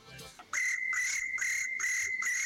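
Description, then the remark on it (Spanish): A person imitates a cricket with a steady, shrill whistled chirp, pulsing in quick regular bursts for about two seconds after a brief soft breath. Fairly loud, with no talking over it. “Hablando de imitar sonidos de animales, a mí me sale el grillo.”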